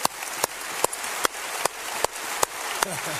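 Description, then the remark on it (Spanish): A standing crowd at Lakewood applauds to welcome the television audience, in a steady, dense wash of clapping, with sharper claps punching through at a regular beat about every half second. “Y cuando se vea en la pantalla gigante, denles un aplauso de bienvenida a nuestro público de televisión.”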